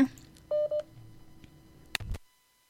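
Two short, steady telephone keypad tones for a phone-in call to the Roy FM morning request show sound in quick succession, followed by a brief click and a low rumble of line noise before the call cuts to silence. No one speaks.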